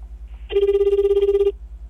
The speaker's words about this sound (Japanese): ちょっと今私は用意して比嘉さんのところへ電話をするんですが、今日は比嘉さんは沖縄にいらっしゃると伺っております。